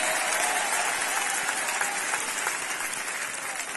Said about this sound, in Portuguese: Quem se alegra por isso, batam palmas e dêem glória a Deus. Podem aplaudir ao Senhor.